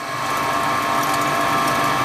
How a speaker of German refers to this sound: Es ist eine Pumpe, die Wasser aus dem eigenen Brunnen in Richtung der Sprenkleranlage auf dem Fußballfeld nebenan befördert.